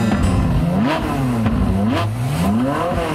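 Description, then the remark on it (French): A sports car engine revs hard as it speeds through Paris, its pitch climbing and dropping in repeated surges as it accelerates through gears, loud with no voices. “Un vrai farfelu, un type mal léché qui arrivait toujours en retard au studio et fonçait dans Paris à toute allure au volant d'une voiture de sport.”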